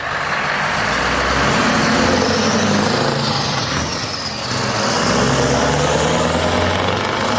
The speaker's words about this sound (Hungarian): Az megvan az a vicc, ugye, hogy kérdezi a sofőr a mellette ülőt, hogy jobbról jó, jobbról jó, nagy kamion jön.